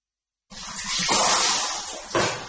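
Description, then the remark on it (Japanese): Hot spring bathwater splashes and pours steadily, scooped and spilled, with a brief louder splash near the end, at Yumoto Sagiri-yu, a hot spring public bathhouse in Noboribetsu Onsen. No one speaks. “今日もさぎりはいい湯だな、濃くて気持ちいい。”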